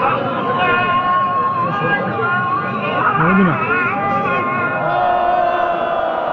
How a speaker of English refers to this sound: Those are protesters booing the call to prayer minutes before two people accused of treason are hanged on July 28th in a main square in Isfahan in central Iran. In a video posted online, they shout shame, shame at the executioners.